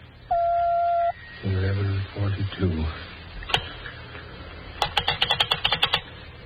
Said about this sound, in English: When you hear the signal, the time will be 11:41 and 3/4. When you hear the signal, the time will be 11:42.